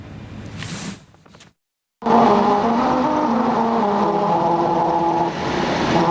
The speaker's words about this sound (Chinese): 在锡林郭勒盟西乌朱木沁旗草原99号公路游牧部落景区路段，当车辆以35至60公里的时速匀速行进，轮胎与七彩路面产生特殊的物理摩擦